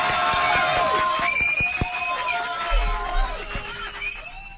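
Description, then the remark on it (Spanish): Audience applause welcoming doctor César Mumaita, in a steady, dense wash of crowd noise with some cheering. Sustained tones sound over it, and a few sharp bursts punctuate the first two seconds. “Démosle pues un fuerte aplauso de bienvenida al doctor César Mumaita.”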